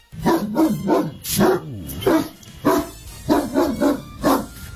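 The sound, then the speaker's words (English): A dog barks repeatedly in quick, rhythmic bursts, with a brief whining, yelping stretch in the middle; the barks are loud, with no one talking. “All you got to do is call us and tell us what this dog bark is.”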